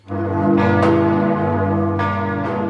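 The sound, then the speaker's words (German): Large church bells of Magdeburg Cathedral in Germany ring loudly and continuously, their deep, rich tones overlapping in a sustained, resonant peal with several fresh strikes cutting through the hum. No voices are heard. “Das Geläut ist derzeit ziemlich überschaubar”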